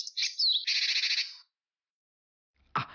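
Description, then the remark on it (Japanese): A small bird gives a clear, high call: a quick whistled 'pee-tsu-pee' phrase, meaning caution, followed straight away by a rapid buzzing 'jee-jee-jee' chatter, meaning gather, together a call to be alert and gather, heard alone. After a pause, a brief noisy thump follows. “でもこれ両方とも、最初のピーツピって部分が”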